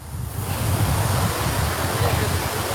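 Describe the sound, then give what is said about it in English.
Water sprinklers spray in a steady, continuous hiss across an open outdoor space at the Bastille Monument in Paris, France, as people walk through them during a heatwave, with a low rumbling wash underneath that holds at an even loudness throughout. “At the Parisian landmark, the Bastille Monument, people walk through sprinklers for some reprieve.”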